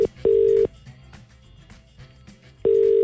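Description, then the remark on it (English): A landline phone line ringing on line one during a Today FM radio call, the ringback tone a caller hears: steady electronic double-pulse tones in a repeating pattern with a pause between rings, heard clearly over a quiet line. “It's ringing there on line one.”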